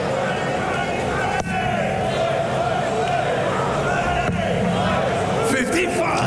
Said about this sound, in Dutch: Het publiek wordt echt onrustig.